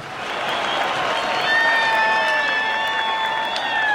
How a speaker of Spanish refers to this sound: Fuerte, fuerte el aplauso para estos niños.